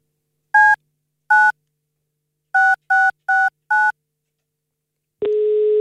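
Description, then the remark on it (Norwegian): Six quick touch-tone beeps as a phone number is keyed in, unevenly spaced, then a steady ringback tone begins and holds at the end. No one speaks. “jeg skal forsøge mig med at ringe op til det, der kan være endnu en heldig vinder af to billetter til den her koncert i morgen aften, hvis telefonen altså bliver taget.”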